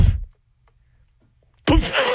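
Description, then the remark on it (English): A voice imitates fireworks with two loud booming bursts: a rumbling blast that fades quickly, a pause of silence, then a second harsh, sustained explosion-like burst. “My impression of fireworks.”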